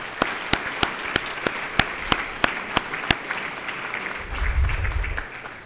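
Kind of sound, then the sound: crowd, audience applause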